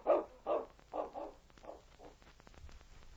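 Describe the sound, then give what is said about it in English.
A big dog named King barks about six times in a quick, uneven series. The first barks are loud, and the later ones grow softer and shorter with no one talking. “I don't like the way that big dog keeps watching us.”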